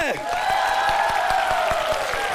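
An audience applauds steadily for a student on stage, a dense wash of clapping with a few sharper claps standing out, while sustained musical tones ring underneath throughout.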